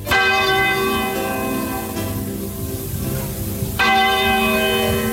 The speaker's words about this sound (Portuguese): E quando o ponteiro daquele relógio da torre da igreja deu meia-noite, começou a tocar.